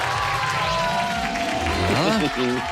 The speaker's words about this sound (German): Da ist schon der Jubel.